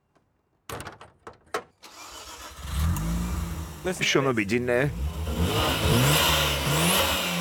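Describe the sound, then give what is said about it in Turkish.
The recently rebuilt 1.3-litre, 250-horsepower Wankel rotary engine of an RX-7 with a turbo timer cranks with a few quick starter bursts, catches and settles into a loud steady idle, then revs up and down in rising and falling sweeps. A person briefly speaks. “Wankel oldukça başarılı bir motor ama iyi bakılmazsa sonradan insanın başına çok iş açabiliyor.”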